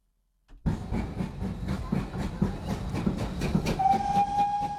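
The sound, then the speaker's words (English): A steam train chugs steadily with rhythmic chuffs, then a sustained whistle sounds over the engine for the last second or so. No one speaks. “Let's go back to the era of steam when rail was the only way to travel.”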